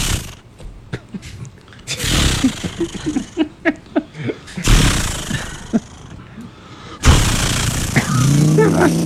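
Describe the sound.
A voice mimics a chainsaw: a few short sputtering pull-start puffs, then loud rasping roars with choppy revving pulses, cutting off and restarting in several long bursts.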